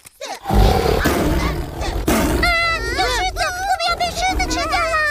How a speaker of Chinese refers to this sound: 区区一只狮子吓不倒我们。